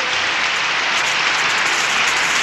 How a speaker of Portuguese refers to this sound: Mais palmas, oi, oi, oi, oi, oi.